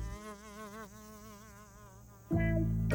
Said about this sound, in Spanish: Escuchen. ¿Es un tren? No, es solo una mosca.